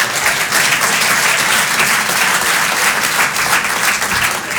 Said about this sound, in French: N'applaudis pas ça, vraiment.